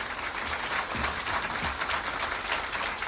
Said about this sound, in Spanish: Y aquí está, aplauso para nuestro Papá Guazú.